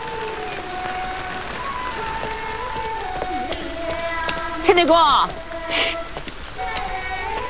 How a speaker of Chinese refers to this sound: 你上来，下雨呢。